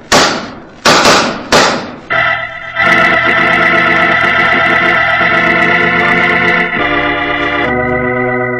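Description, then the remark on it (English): Three sharp, loud revolver gunshots crack in quick succession in an exchange of shots between two gamblers, followed by a sustained, swelling orchestral chord that holds and shifts to the end. No voices. “Following that exchange of shots, Roger Prescott died.”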